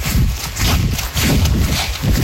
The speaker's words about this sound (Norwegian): Du hører regntøyet gnisse.